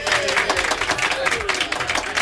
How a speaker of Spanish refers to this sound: Pues el aplauso para ti